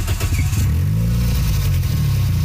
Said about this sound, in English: So now we sound like a race car. And my head hurts.